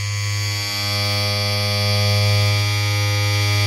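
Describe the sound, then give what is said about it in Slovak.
An electric hair clipper buzzes steadily and loudly, a continuous low, rich drone with no pauses or changes in pitch, running alone for a few seconds without any voices. “Pretože tu išlo o mašinku na strihanie, ale rozdeľujete sa do dvoch skupín.”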